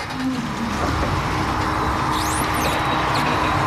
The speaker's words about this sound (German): Gerade kommt eine Lieferung von einem landwirtschaftlichen Betrieb aus dem nahen Herzogenrath in Deutschland. Palettenweise werden sie vom LKW geladen.